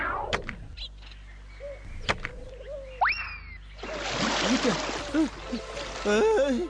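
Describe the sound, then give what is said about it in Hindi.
A couple of sharp knocks, then a rising, sliding whistle as an axe slips from someone's hands, followed by a loud, sustained splash as it falls into a deep river, with churning, bubbling water and some warbling tones mixed in. “मेरी कुल्हाड़ी मेरे हाथों से फिसल कर नदी में चली गई, और ये नदी का पानी भी बहुत गहरा है।”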